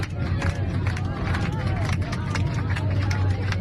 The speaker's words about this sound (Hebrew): אז בוא נשמע איך זה נשמע כאשר המטוס נחת, איך זה נשמע בתוך תא הנוסעים.